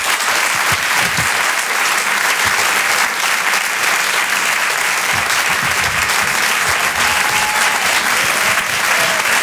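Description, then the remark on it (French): A large audience breaks into loud, sustained applause welcoming a comedian, dense clapping continuing steadily for several seconds, with a few faint cheers mixed in and no one speaking. “Je vous demande un tonnerre d'applaudissements, s'il vous plaît”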